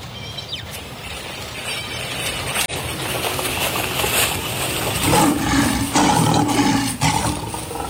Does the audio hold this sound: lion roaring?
yes